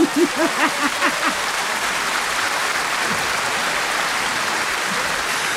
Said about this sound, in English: Okay, should we give them a round of applause for that one?